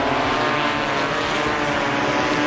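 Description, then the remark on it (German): Drone propellers buzz steadily as drones fly over forests in Bavaria, Germany, as part of a new wildfire early-warning system: a dense, continuous whirring hum with a bright high-pitched whine, loud throughout with no pauses. “Das sind keine sehr lauten Bienen oder Hummeln. Es sind Drohnen, die dann über die Wälder fliegen.”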